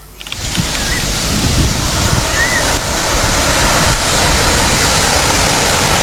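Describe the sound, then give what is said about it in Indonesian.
Ocean waves wash onto a beach littered with plastic water bottles, snack wrappers and candy wrappers, in a steady, loud roar of surf that fills the whole recording without letup, with a windy hiss layered over it. “kok bisa ini pantai banyak sampahnya?”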